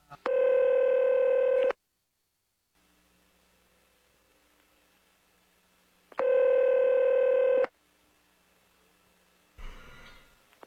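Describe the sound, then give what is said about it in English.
Telephone dialing tones: two long, steady electronic tones a few seconds apart with near silence between, followed by a brief burst of noisy static like a line picking up. “Then we're going to have to get him back on the phone again.”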